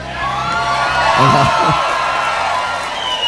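A live festival audience roars with sustained cheering and high-pitched whoops, a dense wall of crowd noise that swells in the middle and keeps going without letting up.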